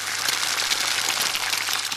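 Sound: raw egg sizzling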